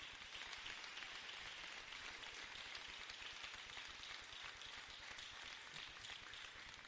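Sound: audience applauding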